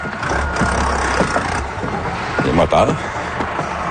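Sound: vehicle engines running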